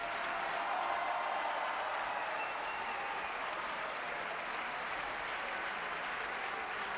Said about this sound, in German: Verzeihung, erst dieser Applaus gilt nun Roberto Frontali in der Rolle des Missionär. Davor hat sich Andrea Giovannini als Abate verbeugt.